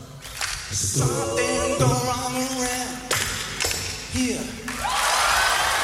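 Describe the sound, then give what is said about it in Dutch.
Excited whoops and cheering voices ring out, then a loud burst of applause and clapping for a man swells near the end, sounding full. “Groot applaus natuurlijk voor deze man.”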